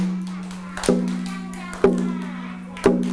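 Slow, steady tapping beat: three sharp, close taps spaced about a second apart, each ringing briefly, over a faint constant low hum.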